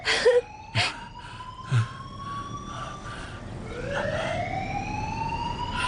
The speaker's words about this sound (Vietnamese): Tại sao chuông báo động không bị tắt?